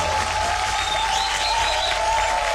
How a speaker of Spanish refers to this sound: Mira, este aplauso es para ti. ¡Bravo!